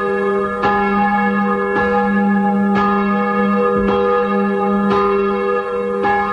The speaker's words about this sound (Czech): Hlahol Márie a Bartolomeja, ktoré rozhojdala zvonárka Anna Oravcová, sa z drevenej zvonice pri kostole svätého Juraja rozlieha 46 rokov.